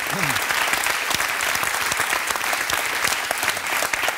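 Steady, dense applause from a crowd, many hands clapping loudly and continuously for about four seconds without a pause, with a brief murmur of voices near the start.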